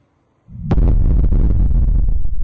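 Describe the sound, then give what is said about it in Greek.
A sudden loud explosion in the apartment building where Afroditi Nestora lives bursts out after a brief quiet moment, followed by a sustained heavy rumble and crackling debris that stays loud to the end, with no voices. “Βίντεο ντοκουμέντο δείχνει τη στιγμή της έκρηξης στην πολυκατοικία όπου διαμένει η Αφροδίτη Νέστορα.”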